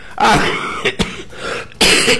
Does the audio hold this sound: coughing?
yes